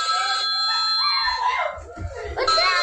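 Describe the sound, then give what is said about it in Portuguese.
A child shrieks excitedly in high, wavering squeals at the family's first food delivery order, a brownie order, with a steady electronic ringing tone at the start and again near the end. “O nosso criança gritando, pra esposa.”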